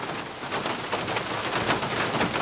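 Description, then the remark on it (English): Heavy rain pours down outside in Cork in the early morning in a dense, steady hiss, with a thick crackle of countless drops spread evenly across the whole stretch and no pauses or voices. “It's early morning and the rain is pouring down outside”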